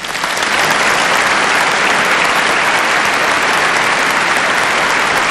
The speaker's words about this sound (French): Et pendant qu'ils applaudissent, on montre la foule qui est en dehors de l'église. Il y a plus de 35 000 personnes.